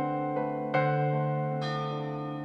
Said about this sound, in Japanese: その時、12時を告げる時計の鐘が鳴りました。